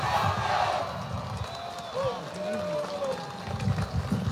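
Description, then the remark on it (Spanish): A large crowd claps and cheers loudly and steadily after a Sayo Afro dance performance, a dense roar of applause and shouting voices, with a few high whistles rising and falling through the middle. “¡Fuerte los aplausos!”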